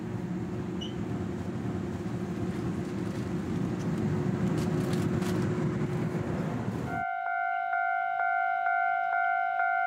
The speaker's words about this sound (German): So stammt auch der Warnton der Bahnübergänge von der japanischen Eisenbahn.